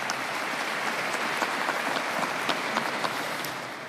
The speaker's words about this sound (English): Their presence here is a sign of newness and of new life in our church, and we thank God for that. You might welcome them too with a round of applause.